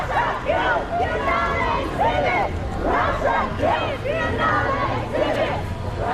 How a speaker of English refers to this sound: The women start punching the air and shouting in protest at Russia's return to one of the biggest art events in the world.